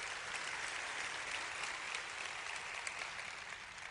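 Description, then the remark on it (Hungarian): A crowd applauds steadily, a dense wash of many hands clapping at once, sustained and fairly loud throughout with no voices standing out, giving a big round of applause to God. “Nos, adjunk egy nagy tapsot Istennek.”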